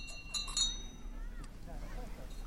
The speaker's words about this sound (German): Ich scheiter schon beim Glockenläuten. Mit Unterstützung klappt's dann.